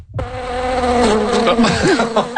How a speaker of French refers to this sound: Bondé de moustiques? Oui, ça, ce sont des moustiques pour parler des joies du camping.